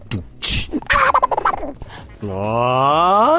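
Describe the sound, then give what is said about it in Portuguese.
A voice imitates Donald Duck coughing, sputtering out a burst of raspy, quacking coughs and quick garbled gossiping chatter, then ending on a long, strained, wavering squawk; fairly loud, with no other talk. “Isso era o Pato Donald tossindo, fazendo fofoca rapidinho.”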